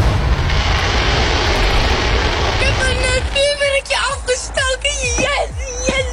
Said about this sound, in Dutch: Clubs en verenigingen mogen nog wel vuurwerk afsteken. Maar zelf knallen zoals deze jongen kan dus niet meer.